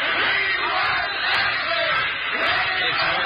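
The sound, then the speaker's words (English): A group of kids cheers and shouts together for Mr. Ashley in a loud, sustained burst, the noisy crowd sound holding steady for a few seconds with rising whoops. “Let's give Mr. Ashley a cheer.”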